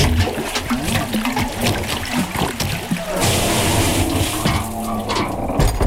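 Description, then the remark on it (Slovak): Water gushes and splashes loudly, swelling into a steady rushing pour about halfway through, after a stretch of low, rumbling movement and sloshing, as water is carried into a hut. “Pomôžeš mi nanosiť vody do chatrče.”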